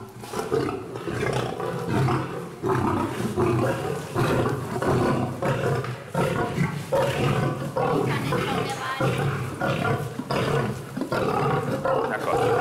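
A tiger and a male lion roar and growl, deep rumbling calls repeating throughout with a steady, noisy background, at their daily feeding time, as the tigress Sita paces about excitedly, waiting while the big-cat keeper throws the male lion his portion of meat.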